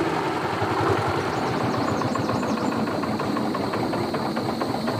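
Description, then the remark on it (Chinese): A tractor engine chugs steadily at idle, its rapid, regular knocking beat loud, running without pause for the whole clip with no voices. “那你要是不用我家拖拉机，你就不找我了。”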